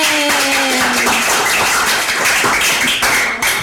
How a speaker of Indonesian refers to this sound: Tepuk tangan dulu untuk kita semua.